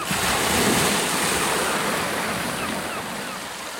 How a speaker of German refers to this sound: Du hast die Geräusche des Windes, du hast die Geräusche des Meeres, das Knacken des Bootes, oder?